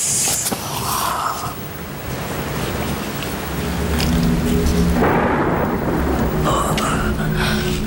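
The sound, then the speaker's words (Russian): Steady rain pours down outside, a dense hiss that swells louder midway, with low rumbles of thunder rolling underneath. No one speaks. “Мало того, что я одна в клубе должна дежурить, так еще дождь на улице.”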